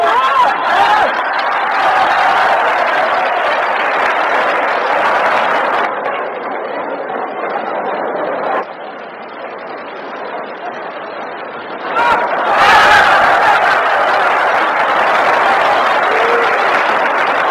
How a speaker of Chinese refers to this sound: 好，接下来让我们再以雷鸣般的掌声欢迎挑战者出场。